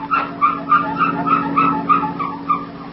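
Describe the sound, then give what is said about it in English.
A car squeaks for want of lubrication: a rapid, regular series of about eight high, creaky squeals over a steady low hum, with no talking. “Does your family car ever make noises like this?”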